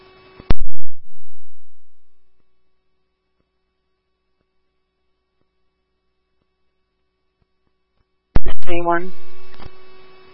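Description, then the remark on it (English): Two bursts of electronic fire dispatch paging alert tones for Woodbury Station 3F and Woodbury Ambulance 3, sent for an ALS call at 1590 Parkwood Drive, about eight seconds apart: each starts abruptly, holds a buzzy tone for a second or two, then fades, with silence between. “Woodbury Station 3F, Woodbury, Ambulance 3, hear your tones for 1590 Parkwood Drive, apartment 209, for an ALS 6, time of page is 1645.”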